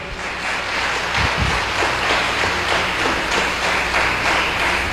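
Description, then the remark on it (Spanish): An audience at a Catholic Mass applauds steadily for about five seconds for a woman's birthday, a dense crackle of many hands clapping at an even, sustained volume with no voices heard. “Denle un aplauso”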